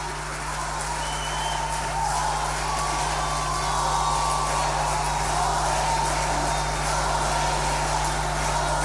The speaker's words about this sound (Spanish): Un fuerte aplauso nuevamente para nuestro ballet folclórico municipal.